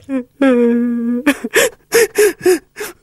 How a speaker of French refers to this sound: Il y en a un qui pleure dans le coin.